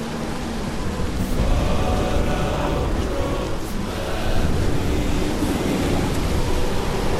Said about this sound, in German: Da ist etwas im Wind wie Lieder. Was redest du da? Was für Lieder? Das ist nur der Sturm.